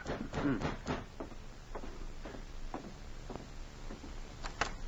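A series of dull knocks on the door of a police cabin very late at night, fairly soft and slightly uneven in rhythm, with several raps spread over a few seconds.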